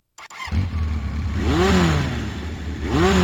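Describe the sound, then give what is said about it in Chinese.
A loud engine sputters to life and then revs hard, its pitch climbing in two rising surges as the vehicle accelerates, with a steady rumbling roar throughout. “我喜欢它启动时强烈的推背感，我喜欢飞驰时耳边回响的风声。”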